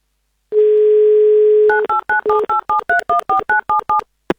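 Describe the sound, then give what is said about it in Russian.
A steady low telephone dial tone hums for about a second, then a quick run of a dozen short two-tone keypad beeps as a number is dialed to call a listener in Crimea live on Avtoradio, ending with a brief click. “Давайте прямо сейчас мы позвоним”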